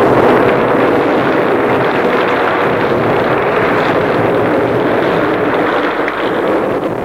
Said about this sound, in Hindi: इतने में बड़ी बड़ी बूंदें पड़ने लगीं।